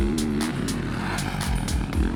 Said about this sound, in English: The difference between a two-stroke and a four-stroke is definitely the engine. When you ride it, it's a big difference, the sound and the feel. A two-stroke has that typical buzzing sound. And a four-stroke, this distinctive roar.